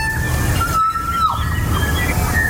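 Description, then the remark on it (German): A kokako, a very rare bird of New Zealand, sings a long, pure, organ-like note that holds steady before sliding downward, with fainter higher whistled tones around it, all over a constant low rumbling background. “Das ist ein sehr seltener Vogel, so klingt er.”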